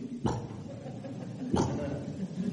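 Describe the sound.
A voice imitates a video game's brick-placing sound with two short, punchy mouth noises, each landing like a block snapping into place, about a second apart, moderately loud.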